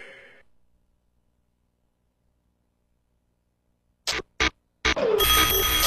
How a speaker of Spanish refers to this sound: Son las 7 de la mañana. Suena el despertador de turno mañana. Turno mañana.